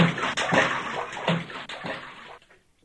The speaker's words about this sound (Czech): Slyšeli hlučné žblunknutí a pleskot a viděli, jak se Franta jako kapr válí ve vodě.